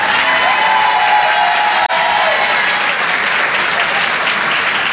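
Loud, sustained applause from an audience, a dense wash of clapping that continues steadily for the full five seconds, with a faint whistle or cheer rising briefly early on.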